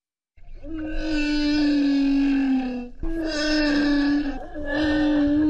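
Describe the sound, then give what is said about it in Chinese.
Long, tonal calls of a humpback whale recorded underwater in the sea off Tonga, three sustained moaning phrases rich in harmonics, the first sliding slowly downward, each fairly loud with brief gaps between. “这是座头鲸的真实叫声”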